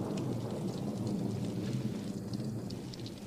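Steady rain pours down amid a deep, continuous rumble of thunder, a dense storm wash that stays loud and unbroken throughout, with no voices present.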